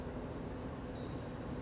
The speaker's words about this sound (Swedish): Där kom skottet. Och det blev nolla högt. Jag missar alltså.